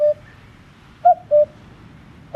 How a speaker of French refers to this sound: Notre star aujourd'hui, disons qu'elle est plus sonore que visible, c'est le coucou gris. Et vous connaissez sûrement son chant, écoutez-le.